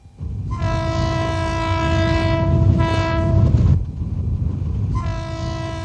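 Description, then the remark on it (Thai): A train rumbles loudly along the tracks while its horn blares in two long, steady blasts, with a brief pause between them and a constant low roar of wheels underneath. “การก่อสร้างทางรถไฟสำเร็จไปด้วยดีหลังจากนั้นเส้นทางรถไฟสายต่างๆก็ได้สร้างผ่านป่าดงพญาเย็นเพิ่มอีกหลายสาย”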